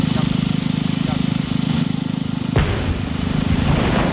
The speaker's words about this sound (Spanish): Bueno, esto que acabas de escuchar no es una cafetera que ha explotado, sino una explosión controlada, donde en Rumanía, para desviar agua del Danubio hacia la central nuclear de Cernavoda.